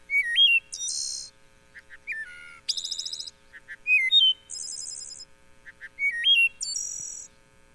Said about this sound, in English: as one of the most beautiful songs of North American birds, very flute-like. It's just a wonderful song from deep in our larger forest stands in Wisconsin. And if we have a chance, let's take a listen. Yeah, let's see if we can hear the wood thrush.